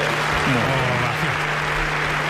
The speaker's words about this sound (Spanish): Ya está. Ovación, espera.